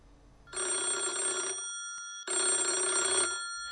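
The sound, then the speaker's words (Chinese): A telephone rings twice in a steady electronic trill, each ring about a second long with a brief pause between, clear with no talking; a 4:55 a.m. call to the principal of Suojie Township Central School, Shimen County, China, asking him to watch the water level beside the school during a record rainstorm. “接到校应电话，要求密切关注学校旁的泄水水位。”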